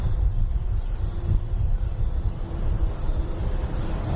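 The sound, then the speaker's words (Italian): Wind blows at night at a mountain observatory among telescope domes, in a steady, unbroken rush, a deep low rumble with gentle gusty swells and a faint airy hiss above it, with no voices. “L'unico rumore, a parte quello del vento, proviene dalle cupole dei telescopi, che ogni tanto ruotano per cercare l'oggetto da osservare.”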